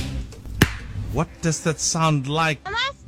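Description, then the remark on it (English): A single sharp knuckle crack snaps out once, brief and loud, before someone begins speaking in a warm, clear voice. “I just heard my dad breaking his knuckles and I think that is the secret sound.”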